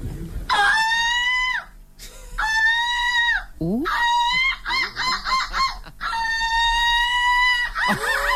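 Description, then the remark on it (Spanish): A voice imitates seagull calls, the silver medallist of a gull-call imitation championship: loud, nasal, high-pitched squawking cries, mostly long held wails broken by a burst of quick staccato yelps, with no talking. “Para mejorar la imagen pública de estas aves marinas.”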